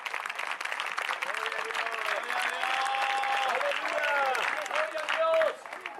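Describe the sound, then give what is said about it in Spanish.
An audience applauds the Lord steadily for several seconds, dense clapping with voices calling out and cheering over it before the noise begins to ease. “Ya se avivó, denle un aplauso al Señor.”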